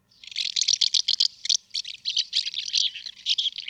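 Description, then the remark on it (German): A rapid stream of dry, chirping twitters from a house martin, bursts tumbling one after another with barely a pause, clear, no voices present. “Das ist die Mehlschwalbe, frisch gekürt vom Landesbund für Vogel- und Naturschutz und dem NABU zum Vogel des Jahres 2027.”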